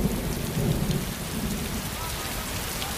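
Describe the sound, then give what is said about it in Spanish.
Heavy rain lashes the sections of a castle fortress by the sea, pouring down steadily with a dense, hissing roar, and a deep rumble of thunder rolls underneath through the first half before the downpour continues alone. “La lluvia azota las distintas secciones de la Fortaleza Roja.”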